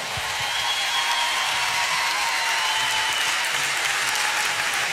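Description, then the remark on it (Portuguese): Steady, dense applause from a concert audience for a composer, a continuous wash of many hands clapping at a constant loud level throughout, with no voices rising above it. “um grande aplauso para este magnífico compositor e o meu grande amigo”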